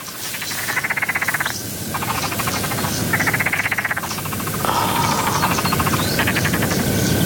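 A frog croaks in repeated pulsing bursts by the water of a ditch, each rattling call lasting about a second, with a steady background of insect and ambient noise and no talking.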